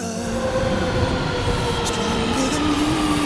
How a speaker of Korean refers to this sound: 저 열차 여기서 멈춥니다.